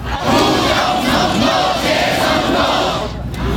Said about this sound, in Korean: 양산을 쓰거나 그늘막 아래서 더위를 피하는 참가자들. 사태가 장기화하면서 참가자들이 외치는 구호도 제각각입니다.